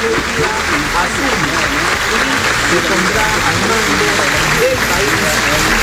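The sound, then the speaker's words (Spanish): Sustained applause fills the hemicycle of Congress as Keiko Fujimori enters, dense and steady for several seconds, with a murmur of crowd voices mixed into the clapping. “Keiko Fujimori ingresa al hemiciclo del Congreso y es recibida en medio de aplausos.”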